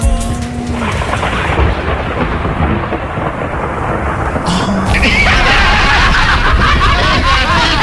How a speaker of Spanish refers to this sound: ¿Llegaron los truenos?